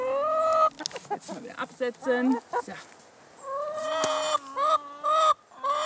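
Chickens cluck, mixing rapid choppy clucks with longer drawn-out, tonal calls that rise and fall in loud bursts. No one speaks.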